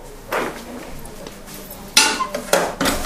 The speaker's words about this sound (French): On a une gamelle qui nous permet de mettre de l'eau. Alors, c'est pareil. Quand on dépose un peu moins délicatement la gamelle, ça fait ce bruit-là.